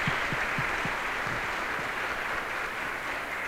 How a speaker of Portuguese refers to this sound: Uma salva de palmas para o Rêmulo.